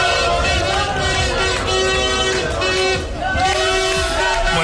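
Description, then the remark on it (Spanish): A loud, dense street celebration in cities and towns across Spain, lasting late into the night after Spain beat France at the World Cup: a crowd roars and cheers while car horns blare in long, sustained honks that repeat and overlap throughout. “Así han sonado muchas ciudades, pueblos de este país, hasta hace bien poquito, hasta bien entrada la madrugada.”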